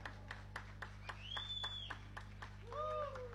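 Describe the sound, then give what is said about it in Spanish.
Steady, rhythmic clapping from a concert audience applauding the violinist as the band members are introduced, quiet, with a couple of rising whistles cutting through over a low background hum. “en violín, fuerte el aplauso.”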